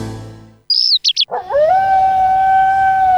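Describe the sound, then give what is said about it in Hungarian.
A dog lets out a long, sustained wolf-like howl that holds a steady pitch, preceded by a few sharp high chirps and a low rumble fading away at the start, in an advertisement for Wolfsblut Ultra Premium dog food. “Hallod? A természet hív. A kutyád nem csak házi kedvenc, benne még ott él az ősi ösztön.”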